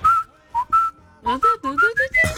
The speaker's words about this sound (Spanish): Vos estabas en la calle y venía silbando.